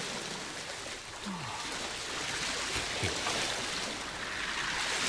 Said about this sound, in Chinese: 城外浅河河水高涨，差不多淹没咗整个城两阵。